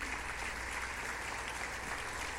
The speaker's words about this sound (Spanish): Dele un aplauso a Jesús.